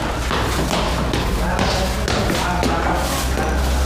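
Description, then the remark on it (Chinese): Furniture being shifted around during a house move, with a sofa, chair and table pushed to the side: a series of dull, heavy thumps and bumps at uneven intervals, loud against a steady background of voices and general commotion. “来，沙发靠边，沙发靠边，把那椅子靠边，那桌子也靠边啊。”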